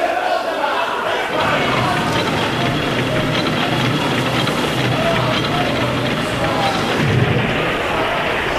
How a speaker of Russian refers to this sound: Это ракеты!